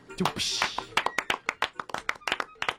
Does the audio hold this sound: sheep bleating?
no